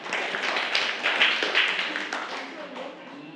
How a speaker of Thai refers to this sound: เก่งมากค่ะปรบมือให้กลุ่มซา